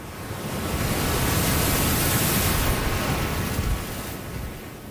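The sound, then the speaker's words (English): Steady ocean surf roars in a broad rushing wash as peeling waves come in, swelling to a peak midway as a wave curls in on itself and breaks, then easing off. It's continuous, with no voices. “But if they're coming in and they're peeling, you'll actually hear the waves start to go because it's curling in on itself.”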